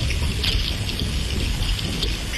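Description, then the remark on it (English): Thousands of herring swimming beneath a boat at a fishing trap, heard underwater through a hydrophone: a dense, continuous chorus of crackling, fizzing ticks and hiss, steady and loud like heavy rain, with no voices. “It was just this cacophony of herring.”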